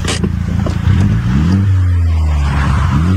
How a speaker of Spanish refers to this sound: Oye, esto es una, por lo que veo allá adentro, eso es una Mini Cooper. Y se ve que está modificadita y sí, que tiene pipa, pero no tiene una pipa escandalosa.